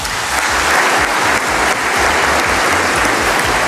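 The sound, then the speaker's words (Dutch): A large audience claps steadily for a singer, a dense, loud wash of applause that holds at an even level for the whole stretch with no voices standing out. “Dames en heren, uw applaus voor ….”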